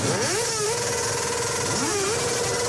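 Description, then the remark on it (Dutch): Loud, raspy moped engines with no exhaust pipes rev hard early on the morning of Luilak, making as much noise as possible; the whining pitch climbs, holds steady, then dips and rises again, blaring continuously. “Zij werden uit hun bed getrild door het geluid van brommers zonder knalpijpen.”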